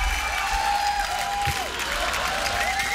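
Sustained applause from a large audience, a dense steady wash of clapping with a faint crowd murmur beneath and some thin tonal whistling or cheering above it, holding level throughout.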